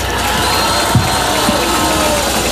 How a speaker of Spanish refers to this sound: Un fuerte aplauso para nuestro gobernador.